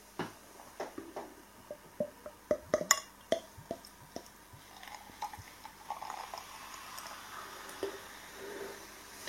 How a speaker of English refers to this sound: Let's put this beer into a glass and see what we get.